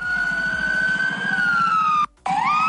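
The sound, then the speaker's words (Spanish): Fire service vehicles, two cars and a small truck, speed past with sirens wailing loudly over low, rumbling engines, heading up through Cuatro Caminos toward Calle Alcalde Liaño Flores; the high tone slowly slides down, cuts out briefly, then climbs again. “escuchábamos sí. A los camiones de bomberos, bueno, a los vehículos de los bomberos a gran velocidad, subiendo por aquí por cuatro caminos precisamente.”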